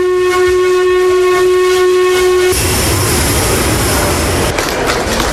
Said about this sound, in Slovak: Súčasťou tejto oslavy bol aj príchod parného vlaku z Bratislavy do Nových Zámkov.